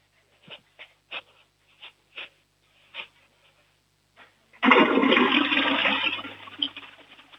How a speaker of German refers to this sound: Das war eine volllaute Klospülung